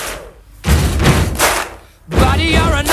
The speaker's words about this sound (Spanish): es golpeando el suelo, unas tablas en una iglesia que había por ahí, golpeando con el suelo, con eso hacen el bombo y tocando las palmas. Luego le metieron 1000 efectos de sonido y consiguieron este sonido icónico, escuchamos este ritmo icónico.